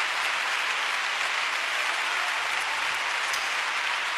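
Steady audience applause for God, the King of Kings, fills the whole stretch, a dense, even wash of many hands clapping at a constant level with no voices heard over it.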